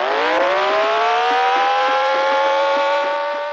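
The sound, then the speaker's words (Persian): A car engine roars loud, its pitch climbing steadily as it accelerates hard for a few seconds, from a film's final chase scene in which police pursue a car, with no voices. “در بخش پایانی فیلم شاهد یک تعقیب و گریز هستیم. پلیس ها ماشین علی رو تعقیب میکنن”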